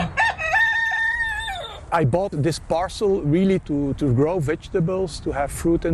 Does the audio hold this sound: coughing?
no